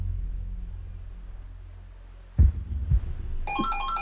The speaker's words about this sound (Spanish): No, bueno, a mí lo que no me ayuda a relajarme es el sonido del teléfono.